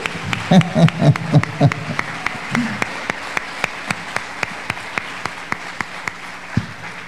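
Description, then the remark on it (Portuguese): An audience claps together for the name of Jesus in a steady, even rhythm that carries on for several seconds, with a brief burst of voices calling out near the start. “Então aplauda o nome de Jesus mais uma vez.”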